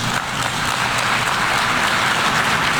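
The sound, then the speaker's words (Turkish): A large crowd at the United Nations bursts into sustained applause interrupting President Erdoğan's speech, a dense, steady roar of many hands clapping at once, loud and continuous with no voice audible above it. “Sözleri sık sık alkışlarla kesildi.”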